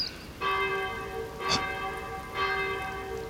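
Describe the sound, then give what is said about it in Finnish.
Church bells ring in a few overlapping strikes, each blooming into a bright, sustained chord of metallic overtones that hums on between peals, over a steady rain-like hiss. “Minuutti, niin kellojen pitäisi soida.”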